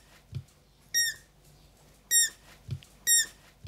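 Hungry roe deer fawns squeak for food: three short, shrill, rubber-duck-like squeaks spaced about a second apart, fairly loud, with a couple of soft low thumps between them and no talking.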